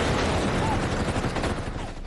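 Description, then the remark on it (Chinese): A rapid burst of gunfire at the outbreak of the Xi'an Incident before dawn on 12 December 1936, with shots crackling in a dense, continuous volley that stays loud for about two seconds before easing slightly. “1936年12月12号，一阵急促的枪声划破了黎明前的寂静，西安事变爆发。”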